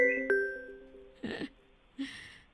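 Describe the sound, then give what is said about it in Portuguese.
A phone rings with a short electronic chime, two quick tonal notes that ring out and fade, followed by a couple of brief, noisy bursts. “Quem tá ligando? Não é a Mariana, não. Esse telefone não é da Mariana.”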